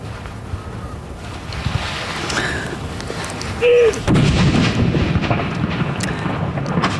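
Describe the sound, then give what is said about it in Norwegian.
A loud cannon salute bang at Akershus Fortress bursts out midway through steady wind noise during a solemn ceremony with a crowd filming, followed by a deep, rolling rumble that lingers until the end. “Ja, det smeller bra her på Akershus festning nå, og det står en haug med folk her og filmer.”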